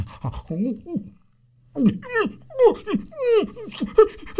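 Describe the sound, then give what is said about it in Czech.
A sick dog with foam dripping from its mouth whimpers and pants: a brief whine, a pause, then a rapid run of high, falling whimpers mixed with breathy gasps, fairly loud and continuing to the end. “I pro pána, co se to s tebou, pejsku, děje? Vždyť ty jsi nějaký nemocný. Vždyť ti kape zuby pěna.”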